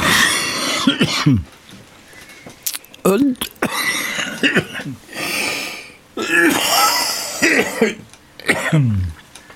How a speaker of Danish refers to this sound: Jeg undskylder, men jeg har lidt hoste.